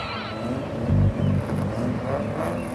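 A Caterham sports car arrives, its engine rumbling steadily, its low throaty note swelling briefly louder before settling back into a continuous drone.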